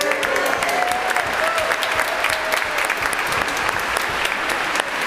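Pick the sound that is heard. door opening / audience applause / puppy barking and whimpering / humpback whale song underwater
audience applause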